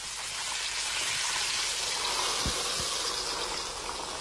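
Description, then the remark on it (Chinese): Steady, dense sizzling of crushed chili and fresh Sichuan peppercorns frying in hot rapeseed oil to make red chili oil, a bright hissing crackle that fills the whole clip, with a couple of faint low thumps near the middle. “将辣椒捣碎，锅中下菜籽油、新鲜花椒，逼出香气。”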